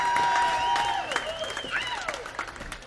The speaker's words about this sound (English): Give them all a big round of applause, folks. They deserve it, no kidding.